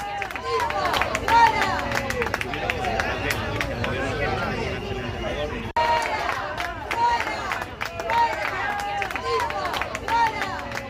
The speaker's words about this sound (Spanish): Gritos de fuera, fuera, cuando se producía esa llegada del presidente del Gobierno, Pedro Sánchez